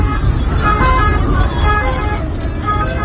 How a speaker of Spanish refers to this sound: Es el sonido de esa misma noche dentro de un coche de la Guardia Civil y de una ambulancia.